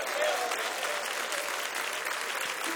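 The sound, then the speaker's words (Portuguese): An audience claps steadily for about three seconds to welcome a pastor, a dense, even wash of many hands with no clear beat, and a faint voice rises briefly underneath near the start. “Mas estas palmas podem ser mais bonitas, mais alegres, mais vivas.”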